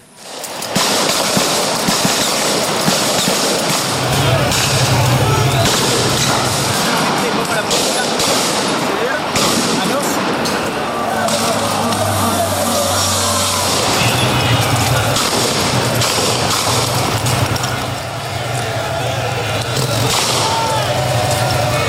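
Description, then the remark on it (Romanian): A loud, unbroken din of street clashes between protesters and gendarmes in Buenos Aires, Argentina, over a reform: many voices shouting over dense roaring noise, with sharp bangs and pops of gendarmes' rubber bullet fire scattered through it and a low droning tone at times. “Jandarmii au ripostat cu gloanțe cu cauciuc, la gaze lacrimogene și tunuri cu apă.”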